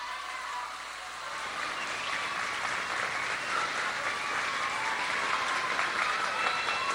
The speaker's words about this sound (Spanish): ¿Y a poco no le van a dar un aplauso?